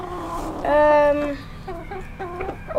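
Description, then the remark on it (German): Several chickens being fed by hand cluck, one drawn-out, harmonic call rising loudly near the start, followed by shorter, choppy clucks over a low background rumble. “Wo sind wir denn jetzt? Wir sind bei den Hühnern.”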